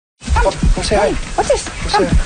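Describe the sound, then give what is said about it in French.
A 10-year-old dog that does not want to go out for a walk whimpers and lets out short, sharp barks, a run of several high, wavering whines and yelps over about two seconds. “Le chien de Noel Ryecraft, Bernie, ne veut pas sortir pour une marche.”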